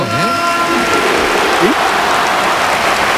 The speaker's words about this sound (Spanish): Aplauso del estadio para Antoine. Ovación.